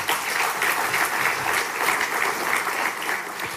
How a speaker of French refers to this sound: Merci, mesdames et messieurs les ministres, pour votre présence. On peut les applaudir également.